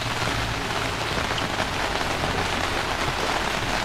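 Steady rain patters densely on a hard surface, a constant hiss of countless drops with a low rumbling undertone, no voices.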